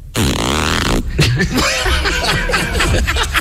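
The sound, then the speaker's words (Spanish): On the Spanish sports radio station Radio Marca, a voice imitates a zipper with a raspy, buzzing zip sound lasting under a second, then breaks into loud, bubbling laughter and chuckling that fills the rest of the moment. “La cremallera, la cremallera. ¿Cómo la cremallera? Mira.”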